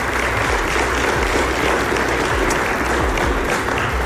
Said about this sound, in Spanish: y aquí tenemos a 2 de los campeones de ese gran torneo. Un fuerte aplauso a estos compañeros.